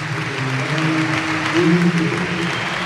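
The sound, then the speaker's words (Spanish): A large stadium crowd applauds in a steady, dense wash of clapping that holds for the whole stretch, with a faint voice murmuring underneath: an ovation for Valencia captain Gaya as he is substituted off during a football match. “Se marcha el capitán con ovación, entra Jesús Vázquez.”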